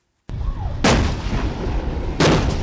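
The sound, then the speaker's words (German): M60 tank cannons firing at dawn on Penghu (Pengshu), an island group in the Taiwan Strait, Taiwan, during a military exercise: two loud, booming blasts about a second and a half apart, each trailing off into a heavy rumbling echo, with no voices. “Im Morgengrauen feuern M60-Panzer auf Pengshu.”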